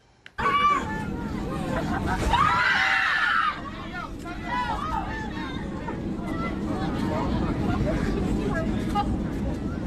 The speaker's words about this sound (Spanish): Los gritos y el pánico dentro de la cabina captaron el miedo que vivieron decenas de pasajeros durante un vuelo de Volaris. Mírelo usted.